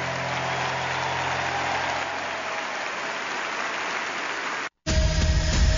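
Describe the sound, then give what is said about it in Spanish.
Steady crowd applause from an audience in Medellín, clapping for the king, with dense, continuous clapping at a fairly loud level, then cuts off abruptly into a brief silence before a different, louder sound begins. “Medellín, ese aplauso más fuerte al rey.”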